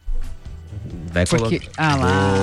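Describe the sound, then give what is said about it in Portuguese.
Tonic water pours from a can with a soft, fizzy liquid rush as a man talks loudly over it. “Hoje é sexta-feira, latinha de água tônica pra todo mundo.”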